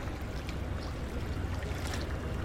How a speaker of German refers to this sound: Und weil das so ist, muss ich mich auch auf der letzten Stufe der Rheintreppe in Duisburg-Ruhrort strecken, um wenigstens ein bisschen Wasserplätschern einzufangen.